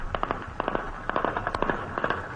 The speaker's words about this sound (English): Niger's government says its security forces have regained control after heavy gunfire and explosions erupted across the capital overnight.